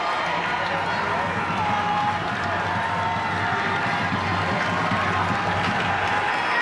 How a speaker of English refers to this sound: Crowd trying to will the Royals on this corner.